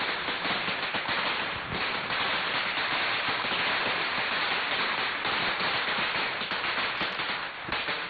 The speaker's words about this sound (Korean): 두려움에 전신이 밀랍처럼 쪼그라들고 있을 때 설상가상으로 바로 앞마당 쪽에서 천지를 진동하는 듯한 총기 소리가 우레처럼 터졌다.